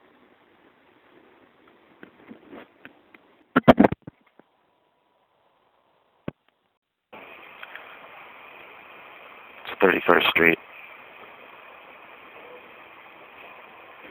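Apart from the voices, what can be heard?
elevated train passing overhead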